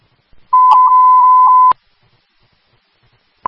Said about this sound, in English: Fairfax testing tones for Wednesday, June 10th, 2026. Fairfax County Fire and Rescue Department, be shift on duty, 700 hours.